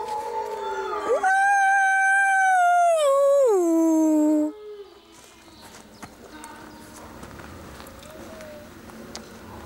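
wolves howling

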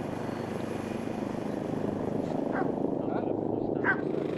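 helicopter rotor noise

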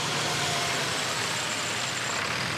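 bus engine running

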